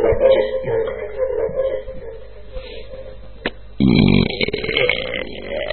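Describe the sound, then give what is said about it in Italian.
Loud, drawn-out burps: a long croaking belch that trails off, then a second, rougher burp bursting in abruptly and rumbling on. No one speaks. “Stiamo usando ruttazzi. La sagra della digestione, questa sera.”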